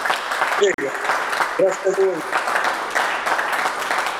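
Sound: studio audience applause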